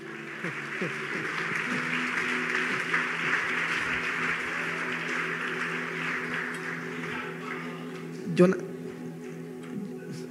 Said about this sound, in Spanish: Un aplauso al Señor.